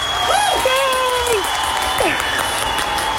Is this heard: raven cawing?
no